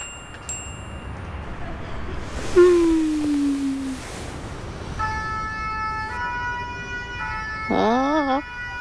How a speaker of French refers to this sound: La sirène des pompiers résonne dans la rue et dans la tête de Toudou.